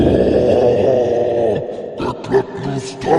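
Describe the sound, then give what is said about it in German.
A person imitates an angry, deep growl coming from above, holding one loud, rumbling snarl for about a second and a half, then following it with a few shorter guttural grunts. “Ihr hört von diesem Spalt, in dieser Kammer mit den Wölfen ging ja dieser Spalt nach oben und ihr hört von oben ein wütendes, tiefes Grollen.”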